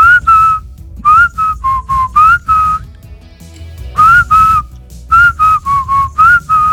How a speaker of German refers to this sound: Die 80er, 90er ohne zum Beispiel dieses Pfeifen undenkbar.